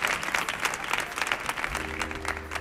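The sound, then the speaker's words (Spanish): An audience applauds steadily for a couple of seconds, many hands clapping in a dense, continuous patter at moderate volume, with a low steady hum coming in toward the end. “Mira, mira, mira, sin pedir el aplauso, ¿eh? Solo. Mana, mana. El aplauso.”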